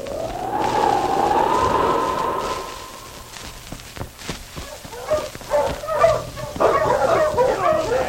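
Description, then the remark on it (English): A sled team of five or six huskies yips, barks and whines excitedly, overlapping in a busy chorus after a long sustained howl-like tone, with scattered thumps and movement. “His team was made up of 5-6 huskies with an exceptionally good dog running as a free lead.”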